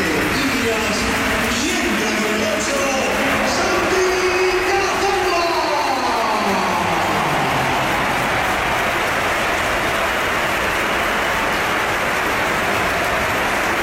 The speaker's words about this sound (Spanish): esta es la ovación que le ha dedicado el Bernabéu, que ha sido espectacular también cuando entraba el jugador del Oviedo.